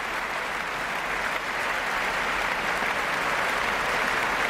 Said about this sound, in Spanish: Josep Pons sale de nuevo a saludar. Los profesores de la orquesta aplauden al maestro, que sube al podio y recibe esta aclamación.